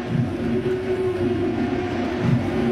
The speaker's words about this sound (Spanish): Empieza a sonar la sirena aquí en el Yankee Stadium. Llamando al ponche. Sería el noveno.